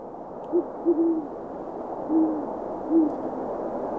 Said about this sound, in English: A gentle little owl call for you, for a owl that is not particularly gentle. That is a great horned owl. Mm. They have just kind of a very calm, soft hoot.